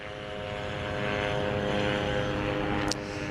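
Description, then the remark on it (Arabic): A steady, droning propeller hum with layered engine tones fills the whole clip: Israeli reconnaissance drones flying intensively at very low altitude over Gaza City in the Gaza Strip. No one speaks, and the drone stays fairly loud throughout. “طائرات الاستطلاع بكل أنواعها وهي طائرات مسيرة إسرائيلية تحلق في أجواء في قطاع غزة بشكل مكثف وعلى ارتفاعات منخفضة جدا، هي بشكل يومي وبشكل مكثف لا تفارق أجواء قطاع غزة وتحديدا مدينة غزة وتكون على ارتفاعات منخفضة”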